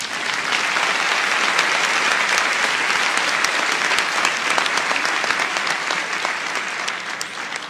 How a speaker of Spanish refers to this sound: Y entro a mi sexto y último punto, mientras me pongo mi saco. Dele un aplauso a Dios mientras...